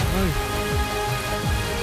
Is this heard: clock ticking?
no